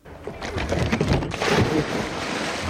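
A loud splash of a body plunging into water, followed by a couple of seconds of churning, rushing water noise.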